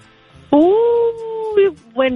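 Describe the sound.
A person imitates a coyote, letting out one long, rising, sustained howl that bends down at the end, then a shorter second howl, loud.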